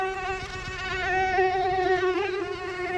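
A mosquito's thin, high-pitched whine hovers near the ear in summer, wavering slightly in pitch as it circles, steady and fairly loud for the whole stretch with no voices.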